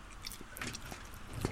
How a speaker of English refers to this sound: Very little. Very little. He is a very small man. It's a very small man eating what is actually a very large bit of food.